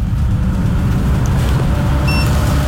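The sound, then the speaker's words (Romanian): A car engine rumbles steadily as it passes, a deep continuous drone with no clear rise or fade, plus a brief thin whine near the end. “În sfârșit o mașină, da.”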